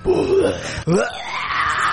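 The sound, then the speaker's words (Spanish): A voice imitates a pig's squealing scream: a wavering, moaning cry, a brief break, then a loud wail that climbs steeply into a sustained, piercing high squeal. “Con un gritito de matacochino.”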